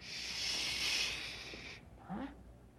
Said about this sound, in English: I thought I heard something. Like a window sliding open.